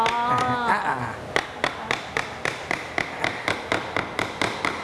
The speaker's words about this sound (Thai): ไม่ตัวนี้ไม่ต้องลบครับตัวกลางเราก็ระวังนิดนึงเพราะว่าบ่าไม้มันบางใช้ค้อนทุบด้านบนเลยครับ